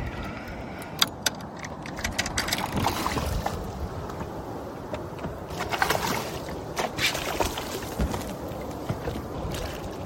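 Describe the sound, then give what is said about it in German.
A fisherman reels in a barracuda on a fishing line and hauls it into a boat with the outboard motor switched off: scattered sharp clicks and clattering over a steady wash of wind and water noise, with no one talking. “Miloš kämpft trotzdem etwa länger mit dem Fisch, bis er ihn ins Boot einholt.”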